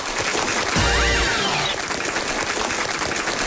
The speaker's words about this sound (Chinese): 听见了吧，看见了吧，鼓掌的呐喊的都是我家亲戚。